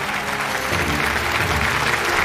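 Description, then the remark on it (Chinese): A large audience claps steadily and loudly for a dance teacher, a gold winner of China's Lotus Award for dance, after a dance performance; a dense wash of applause that holds at an even level throughout the short stretch. “再次把掌声献给”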